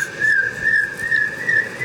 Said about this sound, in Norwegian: Så tar vi den aller minste. Den sånn. Spurvugle. Og den to varianter. Her den ene, og det andre. Det høres ut som jeg akkurat lærte seg plystre.